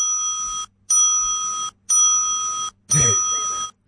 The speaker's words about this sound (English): 4 bells.